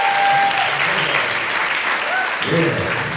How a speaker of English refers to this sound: Nice round of applause one more time, please. The legend, ….